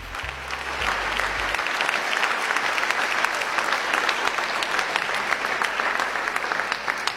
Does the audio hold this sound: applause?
yes